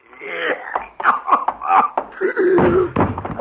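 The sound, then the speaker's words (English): A man writhing on the floor gasps and chokes in ragged, strained bursts, with harsh throaty coughs and rasping breaths, loud, struggling continuously for air. “Waterbury was writhing on the floor, gasping for breath, turning a deep red color.”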